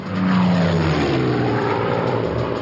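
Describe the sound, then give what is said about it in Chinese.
A Mosquito bomber propeller aircraft flies low past in a steady, loud engine drone with a low humming tone that slowly drops in pitch, no voices present. “文式轰炸机独一无二，即使是在低空全速飞行时，时速也能接近400英里，它的速度无可匹敌。”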